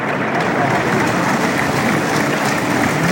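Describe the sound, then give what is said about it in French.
A large bullring crowd at a bullfight applauds the picador Rabato steadily in an open arena, a dense, even wash of clapping that holds at the same loud level throughout without a break. “Applaudir Rabato, qui va saluer François Dati.”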